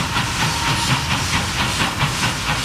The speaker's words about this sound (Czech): Vlak nejprve vyrazil jako rychlík z Prahy do Chebu, odtud pak pokračoval jako osobní vlak do příhraničního města Aš.